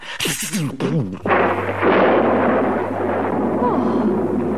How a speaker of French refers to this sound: À cet instant, éclate un terrible orage, déchiré d'éclairs, ponctué par d'énormes coups de tonnerre.